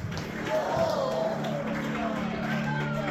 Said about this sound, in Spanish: Ay, vea usted ese aplauso porque no es para mí. Nadie le ha dicho que los aplausos son para los hombres.